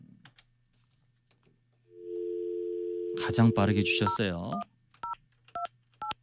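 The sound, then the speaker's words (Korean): A steady telephone dial tone hums for about two seconds while a man speaks over it, then five short, evenly spaced two-tone keypad beeps follow as a number is dialed, a host calling a listener who had sent a text message. “자, 그러면 이분에게 한번 전화를 한번 걸어보도록 하겠습니다.”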